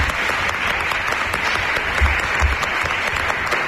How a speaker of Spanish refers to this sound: Y voy a pedir al alumnado que está ahora asistiendo como público que se haga presente, por ejemplo, con un aplauso.